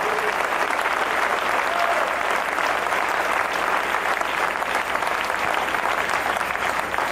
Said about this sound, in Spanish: Dele palmas al Rey. Dele palmas al Rey.